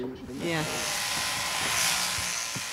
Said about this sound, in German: 3 bis 4 Kilo Wolle geht pro Schaf runter. Aus einem Teil der Wolle wird Sylter Tweed oder auch Garn gemacht. Das Scheren ist jedes Jahr eine Attraktion auf Sylt.